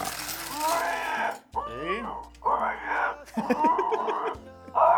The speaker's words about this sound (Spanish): Marca número 5, Cureruay B5. Ahí está el chancho.